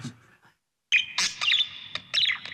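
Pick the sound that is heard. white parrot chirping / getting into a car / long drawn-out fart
white parrot chirping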